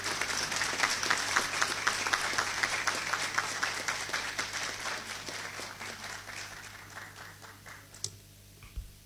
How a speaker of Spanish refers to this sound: Por su invaluable aporte, por su entrega ininterrumpida y por ser el faro cultural de este Congreso, les pido un fuerte aplauso a los integrantes de la Orquesta Sinfónica del Congreso Nacional.